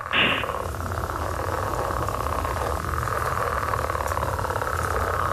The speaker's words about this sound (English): That's like a breeding sound. So you would hear that in the spring when the frogs are getting ready to mate. It's a pretty neat sound there.